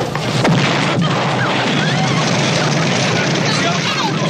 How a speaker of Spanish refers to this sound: Eso se interrumpe dramáticamente por el estallido de la bomba. Se trata de una de las escenas más magistrales de la historia del cine.